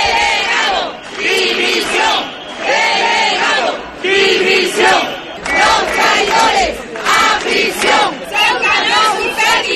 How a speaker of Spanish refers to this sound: Pues son algunos de los gritos que se siguen escuchando en las calles ceutíes después de las protestas que se vienen produciendo día sí y día también,